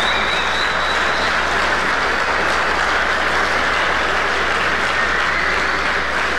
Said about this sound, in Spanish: A ver, demos un aplauso al Señor Jesucristo.